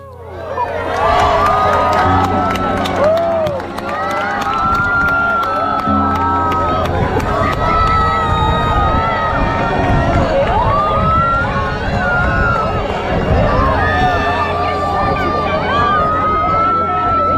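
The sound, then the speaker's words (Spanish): A large outdoor crowd cheers and shouts with euphoria at a total solar eclipse in Talayuelas, Cuenca. Many overlapping voices whoop and yell continuously for the whole stretch, loud and sustained with rising bursts of joyful screams. “Fíjate los gritos de euforia, ¿eh?, de la gente que sí que pudo ver el eclipse.”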